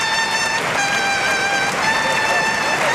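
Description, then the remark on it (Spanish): A bright, sustained trumpet call (the clarinazo) rings out at a steady high pitch, with brief breaks between held notes, over a constant roar of crowd noise and applause in the Maestranza bullring in Seville, the crowd on its feet for bullfighter Luis Blázquez retiring. “¿Y el clarinazo? El clarinazo.”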